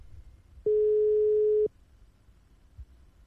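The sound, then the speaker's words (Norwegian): A single steady electronic ringback tone from an outgoing telephone call to a radio contest participant sounds for about a second, loud and clear, then stops, leaving quiet background with a faint low bump afterward. “Og nå ringer det”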